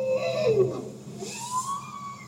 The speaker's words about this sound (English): That's a bowhead whale.